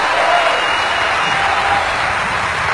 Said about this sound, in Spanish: Hey, un aplauso al Señor Jesucristo. Hallelujah. Yes, He's real.